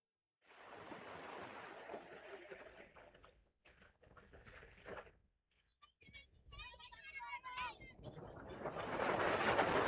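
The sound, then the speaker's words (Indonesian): Waves wash onto a beach shore in rolling surges, briefly easing before a louder swell crashes in at the end, with a few high chirping calls partway through. “Merasa terhibur, Nalalu Mone Ari membawa perahu itu bermain di tepi pantai yang tidak jauh dari rumahnya.”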